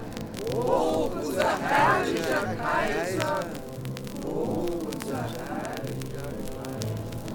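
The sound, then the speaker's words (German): A crowd of many voices cheers and shouts together in a dense, steady roar, with louder bursts of overlapping yells early on that settle into a lower, continuous hubbub, as the people cheer the Emperor walking out in procession. “Der Kaiser hielt sich sehr gerade und das Volk jubelte.”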